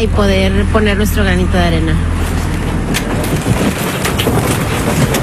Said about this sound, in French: On est en pleine mer et le bateau est à l'arrêt pour un problème de batterie. Il est 8h du matin, une partie des gens est en train de dormir. Les membres de l'équipage tentent de régler cette histoire de batterie et le bateau tangue énormément